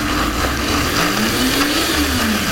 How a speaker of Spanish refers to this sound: Vamos a licuar la salsa. Ahorita la vamos a licuar sin agua. La vamos a ir licuando como poco a poco para ver si logramos que nos quede como tipo molcajeteada.